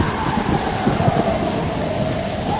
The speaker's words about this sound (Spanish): De pronto, una impresionante y aterradora tormenta llegó al lago.